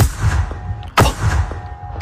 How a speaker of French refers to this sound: Les canons effaroucheurs, incontournables dans les champs pour repousser souvent des corneilles qui veulent se régaler avec des tournesols par exemple.